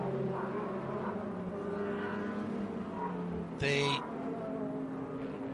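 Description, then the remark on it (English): The Wayne Taylor Racing Lamborghini Huracan race car roars by on the back straight, its engine a steady, loud, buzzing drone with layered harmonic tones, broken briefly by a sharp, bright hissing burst near the end. “I've just seen that going through on the back straight is the rather fearsome looking Wayne Taylor Racing Lamborghini Huracan.”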